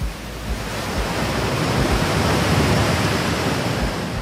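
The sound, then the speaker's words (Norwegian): A steady, full wash of ocean surf, continuous rushing noise with a deep low rumble and no distinct breaks, fairly loud, with no voices. “Hvordan lyder en ø? Ja, der er nok bølger.”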